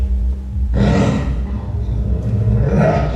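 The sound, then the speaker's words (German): A loud, snarling roar of a female werewolf in a film bursts in after a brief low rumble and rolls on for a few seconds, deep and growling, with no one speaking. “Das Gleiche, das gibt's ja auch noch in Film. Der Werwolf.”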